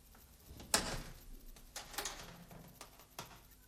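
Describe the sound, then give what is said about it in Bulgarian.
A door is handled quietly and left open: a sharp latch click, then a few softer knocks and creaks as it swings, with faint room noise between and no one speaking. “Оставям вратата отворена, аз ще бъда и там отвън.”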